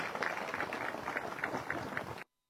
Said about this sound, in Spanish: En ese entendido, hermanos, hermanas, vamos a recibir con fuertes, pero fuertes los aplausos a nuestro hermano gobernador, hermano Leonardo Loza. ¡Fuertes los aplausos!